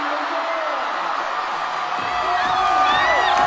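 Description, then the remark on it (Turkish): A volleyball crowd cheers after China wins a point on a block-out to make it 10-10, a dense roar of voices with whoops and shrill whistles that swells louder through the second half. “Seyirciyi coşturan bir sayı oldu Çin adına.”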